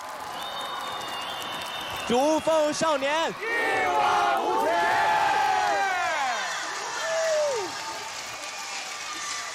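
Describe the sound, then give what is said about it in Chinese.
A large live audience screams and cheers loudly for several seconds at a show at Xujiazhai baseball stadium in Pinghu, many voices overlapping in rising and falling shrieks, with a group chant shouted near the start and the roar easing slightly toward the end. “让我们为现场的观众献上最后一份礼物，尖叫声给我们好不好？”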